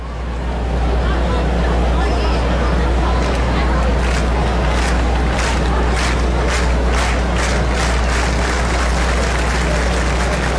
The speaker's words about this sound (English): Crowd urging on Sneed to end seven.